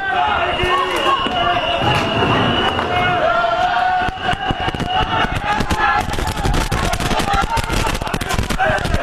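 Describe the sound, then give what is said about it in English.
A loud, chaotic rioting mob at Sloan Kettering Hospital in Brooklyn roars and shouts while rioters blow shrill whistles steadily through the first half and police are attacked, then sharp bangs and pops crackle repeatedly beneath the continuing din. “sounds rough out there. The police are being attacked. Those whistles are the rioters.”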